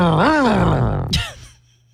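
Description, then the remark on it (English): Voices imitate a struggling tractor engine, one that's not running well, as a radio sounder for the Springfield Fun Days Truck and Tractor Pull: a loud, strained groan that rises, sags and drops, then a sharp breathy burst before the straining sound fades out. “Basically, it'll be loud noises and us going.”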